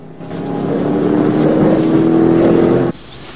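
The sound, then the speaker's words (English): A truck engine roars loudly and steadily for a few seconds with a low droning hum as the truck races off into the distance, then cuts off abruptly, leaving near silence. “He then watches the truck race off into the distance.”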